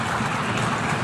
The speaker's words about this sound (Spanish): Brasil no cabe en el patio trasero de nadie, dice Lula. Precisamos. Y lo aplauden. Lo aplaude todo el recinto.